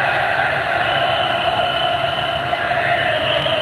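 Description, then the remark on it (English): A large crowd celebrating in a city centre sings together outdoors, many voices blending into a steady, loud wash of sound that continues without a break, with a low rumble of street noise underneath. “They're singing.”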